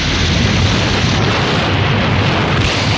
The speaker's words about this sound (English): The explosion rocks the clinic and lab.